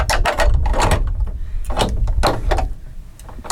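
Several loud, heavy knocks strike a thick old wooden door, one opened with a large key of 20 cm or more, in an uneven rhythm, each a deep booming thud with a brief woody rattle, and no one speaks.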